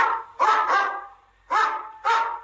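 A dog barks four times, loud: two quick barks in a row, a pause, then two more spaced barks, with no one speaking.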